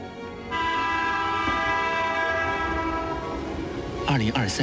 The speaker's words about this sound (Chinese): 2023年5月27日 ,C6226 次高铁驶进了广汉北站。